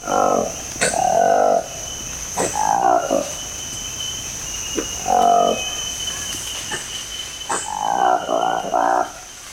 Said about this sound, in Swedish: Så här låter en apa som har beskrivits som en ny art, Colobus congoensis. Den har svart päls, en lång svans och en ljus orange färgteckning runt näsan och munnen.